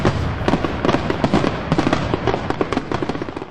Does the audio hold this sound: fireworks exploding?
yes